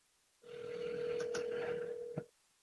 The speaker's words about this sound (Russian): Показываю свой телефон. Я набрал номер телефона студии. И никакой реакции на нашем устройстве связи с общественностью.